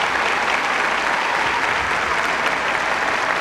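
An audience breaks into steady, dense applause, many hands clapping loudly and evenly throughout with no voices standing out.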